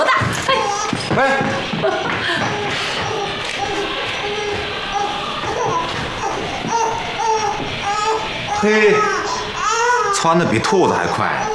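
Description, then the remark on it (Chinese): A newborn baby boy, just born in the home across the way, wails loudly and continuously in piercing, rising cries, with several people talking around it. “哎呀，你听，孩子在哭呢，动静多大！”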